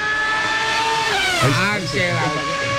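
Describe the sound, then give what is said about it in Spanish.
Loud, continuous engine roar with rising and falling harmonic sweeps as Juan Pablo Montoya's racing cars rev and pass along the malecón, with a busy crowd-like background underneath. “Escucho un ruido allá. Y son los carros de Montoya.”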